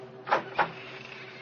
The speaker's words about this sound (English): I found the latch and lifted it. The door squeaked open protestingly.